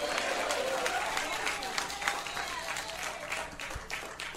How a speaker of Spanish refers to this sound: Tome asiento, amados hermanos, y démosle un aplauso fuerte al Señor. Denle un aplauso fuerte al Espíritu Santo. Da gloria a Dios, iglesia.